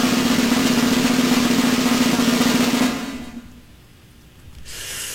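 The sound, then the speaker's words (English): Two electric scooters in Charlotte, North Carolina idle with a steady, droning hum that holds for about three seconds, then cuts off into a brief lull before a broad rush of noise returns at the end. “That's the scooters.”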